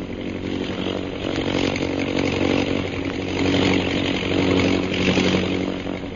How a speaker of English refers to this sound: Holbrook has located our men. He's circling over them. You see his plane? Yes, sir. He's to your right. Keep low.